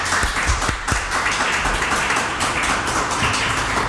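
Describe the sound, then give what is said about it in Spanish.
A studio audience applauds steadily and loudly, many hands clapping in a dense, continuous wash with a few sharper claps near the start, sustained throughout without any talking. “He pedido el aplauso conjunto para evitar luego esas suspicacias de a ver a quién aplauden más fuerte, menos, ya sabéis.”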